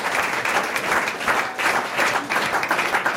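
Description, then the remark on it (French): The audience of a French quiz show applauds the return of a regular guest, a steady, dense wash of many hands clapping at once, fairly loud, filling the whole stretch without pause or voices. “Est-ce qu'on applaudirait à nouveau, allez, le retour de notre invité fidèle à lui-même avec une mauvaise réponse.”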